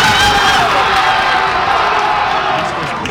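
A crowd of soccer fans at a 2026 FIFA World Cup watch party in Northeast D.C. roars and cheers loudly and continuously, with shouts and whoops blending into a dense wall of excited noise that eases slightly toward the end.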